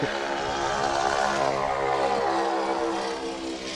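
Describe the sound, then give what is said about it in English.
A Ford Trimotor's propeller engines roar steadily, a loud droning buzz with layered harmonic hum and rough throbbing, holding constant for several seconds before easing slightly at the end. “Gotta love the noise of the Ford tri-motor.”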